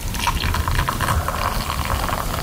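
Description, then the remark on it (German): Water, called magic water, pours steadily into a mug for a magic trick, a continuous splashing and trickling that fills the whole moment with no pauses and no voices. “Ich gieße jetzt mein Zauberwasser da rein.”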